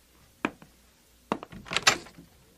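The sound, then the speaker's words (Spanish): A door is opened: a sharp click and a smaller tap, then after a pause a burst of handle rattles and a brief scraping swing, with no voices. “Abriré la puerta.”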